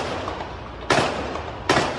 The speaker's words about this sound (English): At first, some thought the sounds were from a nearby construction site. Second round of gunfire was unmistakable.